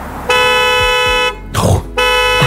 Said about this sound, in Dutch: Goed, hè? Een signaal. Ja, echt hard beginnen toeteren, maar ja, het lijkt mij wel top dat het bestaat.